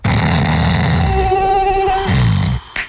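A thin, wavering mosquito whine drifts in for about a second, fairly loud, over a low rumbling, snore-like sound, then everything cuts off with a short sharp burst at the end.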